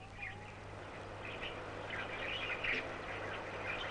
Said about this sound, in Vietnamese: Bạn của người, những tiếng chim trong lùm cây, trên vạt cỏ.